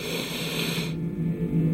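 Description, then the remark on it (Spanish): A voice imitates a deep, heavy breath: a long, airy rush of breath lasting nearly a second, followed by a lower, rougher exhale, with no talking. “Y dice que tenía como una respiración como súper profunda.”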